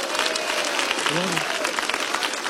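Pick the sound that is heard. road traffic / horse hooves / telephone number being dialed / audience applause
audience applause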